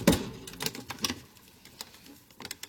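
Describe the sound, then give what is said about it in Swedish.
Irregular mechanical clacks and soft thumps from a hand-operated printing press printing leaflets one sheet at a time in a secret basement at night, a loud cluster at first and then lighter, sparser taps. No one speaks. “Tryckaren är manuell. Ett papper i taget.”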